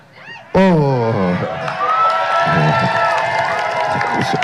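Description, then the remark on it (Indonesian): A crowd suddenly erupts into loud shouting and cheering after a brief quiet moment, many voices overlapping in a sustained, excited roar that stays strong to the end. “Saya nggak mau sebut sekap karena tiap saya sebut namanya lebih teriak.”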